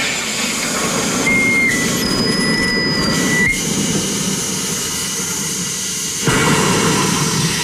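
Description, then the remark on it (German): A soda maker carbonating a bottle of water, with the bottle locked into the machine and a lever operated: a loud, steady rushing hiss with low rumble and thin whistling tones, lasting about seven seconds and surging slightly louder near the end. “das ist das Schließen des Apparats mit der Flasche. Und dann muss ich hier einen Hebel betätigen.”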